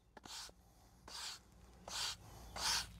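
A broom sweeps with four rhythmic, scratchy bristle swishes, each about a third of a second, spaced evenly and growing slightly louder, in a quiet, otherwise empty setting with no voices.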